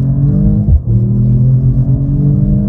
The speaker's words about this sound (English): Basically, I threw it into Sport Plus mode and let it rip. And rip it did, with the exhaust gaining some extra attitude.